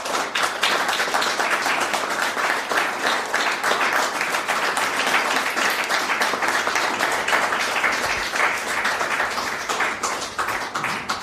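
Steady applause from an audience, many hands clapping in a dense, crackling wash that holds at an even loudness for about eleven seconds, with no voices standing out.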